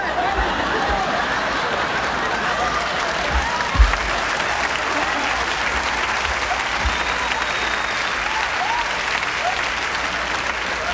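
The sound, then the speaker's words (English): A large crowd claps steadily and cheers with whoops and shouts, a dense, loud roar of applause that holds at an even level for about eleven seconds, with one sharper burst near the middle. “What are you screaming at, you savages?”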